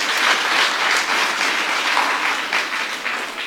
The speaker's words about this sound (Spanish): Podemos brindar fuertes aplausos si quieren, niños.